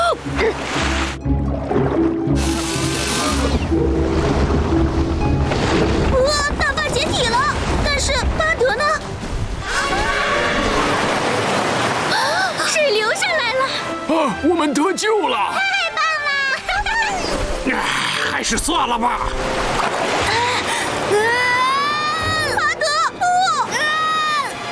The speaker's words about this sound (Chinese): 哇，大坝解体了，但是巴德呢？水流下来了。